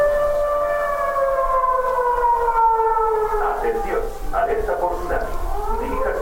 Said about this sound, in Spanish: la instalación de señalética y de tres sirenas de alerta de largo alcance